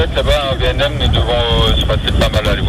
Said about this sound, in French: La radio grésille.